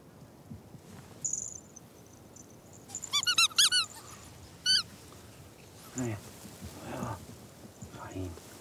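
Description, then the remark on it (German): A squeaky walrus toy is squeezed in a quick burst of several high, whistling squeaks, then one more squeak a moment later, used to lure ferrets out of a maze, with soft indistinct voices murmuring. “Jetzt noch die Frettchen herauslocken aus dem Labyrinth mit Trick 17, dem Quietschewalross.”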